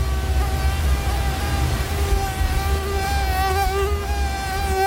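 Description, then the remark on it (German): A mosquito's high, thin whine buzzes steadily for the whole stretch, its pitch wavering slightly as it hovers, over a soft low rumble with no voices. “Die Mücken kommen.”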